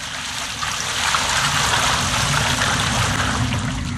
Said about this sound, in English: Then he said to them, Fill 4 large jars with water and pour it on the offering and on the wood. Do it again. They did it again.